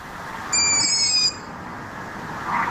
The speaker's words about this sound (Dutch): Ze heeft 3 jonge ransuilen in de boom die de godganse nacht zitten te piepen.